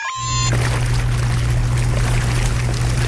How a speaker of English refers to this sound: And yeah, you heard us play the hot tub sounder a little bit earlier this afternoon. Maybe we should get out now. Bubbles. Oh, yeah. Hot tub. Hot tub.